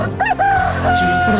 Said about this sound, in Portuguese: Galo, galo, galo, galo, galo, galo, galo cantando.